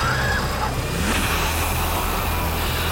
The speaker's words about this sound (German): Und was wir da hören, ist eine Art Wasserschlacht. Denn ausnahmsweise hat die Feuerwehr mal am dortigen Bildungszentrum hunderte Schüler und auch Lehrer abgekühlt.